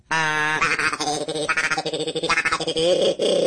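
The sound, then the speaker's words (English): A duck call blown in a continuous run of loud, reedy, nasal quacking notes that rise and fall in pitch, with a raspy buzz and no talking. “It's like a duck calls.”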